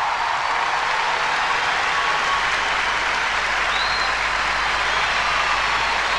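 Steady, dense audience applause for a group of singers on a radio show, many hands clapping continuously, loud and unbroken for several seconds, with no voices standing out.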